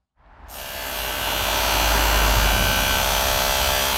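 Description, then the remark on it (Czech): A power drill starts up and runs continuously as workers finish the last work on the new central playground Vysoká Mez in the Padělky district of Zlín; a steady high-pitched whine with a low motor hum swells in loudness over the first two seconds and holds. No one speaks. “Za zvuku vrtačky dokončují dělníci poslední úpravy nového centrálního hřiště Vysoká Mez.”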